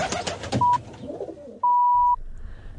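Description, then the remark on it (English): A rock pigeon (kererū arupare), played as an RNZ National birdcall, coos softly and briefly over some rustling outdoor noise. Then two clear electronic beeps sound, a short pip and a longer steady tone, with a low background hum. “Kereru Arupare, the Rock Pigeon, RNZ National.”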